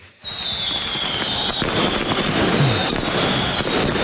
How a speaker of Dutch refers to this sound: Ja, zo klonk het gisteren. Bij Cambuur Feyenoord heeft het meegekregen. Rotterdamse supporters die vuurwerk afstaken. Kwam terecht in een familievak van Cambuur.